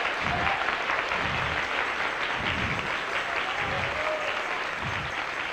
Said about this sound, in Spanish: ¿Cuántos dan gloria a Dios? Dale un aplauso al Señor nuevamente.